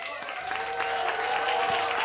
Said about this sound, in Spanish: Un aplauso muy fuerte